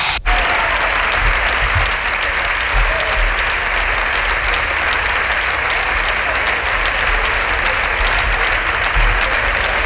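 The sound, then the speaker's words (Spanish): Sustained applause from the Partido Popular benches in the Spanish Congress after Feijóo's first speech, steady and dense clapping for the full length, with no voices rising above it. “Aplauso de la bancada del Partido Popular a la primera intervención de Feijóo, que ha concluido con ese ánimo, Pedro.”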